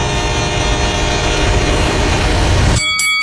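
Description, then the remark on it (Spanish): A train rumbles past, its loud horn blaring steadily over the heavy roar of the wheels, and a sharper horn blast is heard near the end. “Todos los días, muchos tientan su suerte y mueren arrollados por trenes. De carrileras, piense tren.”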